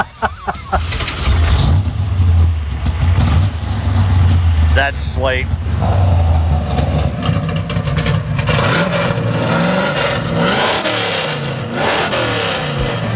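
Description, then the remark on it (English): A modified Stingray's small-block engine (Dart block, Dart heads, 900 double-pumper carburetor, MSD ignition) with open exhaust cutouts rumbles loudly, revving several times over a deep idle, while a person briefly speaks over it. “And I've put cutouts on it so you can, on the exhaust, so you can make it loud or make me 16 again or make me 70 again.”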